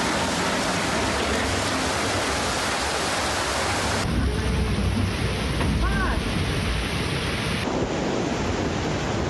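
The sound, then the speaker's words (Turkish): Heavy afternoon downpour in the capital city: rain pours down in a dense, steady roar of hissing water, loud throughout, with faint car horn-like tones briefly rising through the downpour. “Başkentte öğle saatlerinden sonra başlayan sağanak yağmur etkili oldu.”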